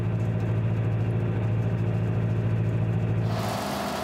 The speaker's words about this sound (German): Mit dem Traktor verteilt er Dünger auf dem Acker.